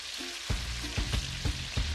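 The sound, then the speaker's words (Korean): Mahi-mahi (dolphinfish), seasoned with salt, chili powder, curry and starch, sizzles and crackles as it is fried in hot oil at a restaurant in Chennai, India: a steady hiss broken by several sharp bursts of popping spatter roughly every quarter to half second, with no voices. “양념이 다 된 만세기는 기름에 넣고 튀기는데요.”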